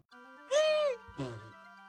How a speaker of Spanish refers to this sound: ¡Salud! No está bien que estornudes al aire.